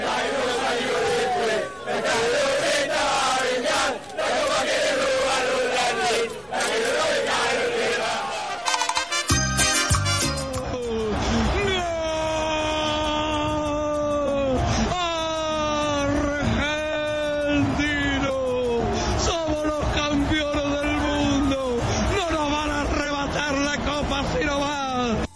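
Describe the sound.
A dense, loud crowd roar fills the first few seconds, then gives way to many voices yelling and chanting together in long, rising and falling cries, sustained throughout; the crowd chant from a Quilmes beer commercial for the World Cup.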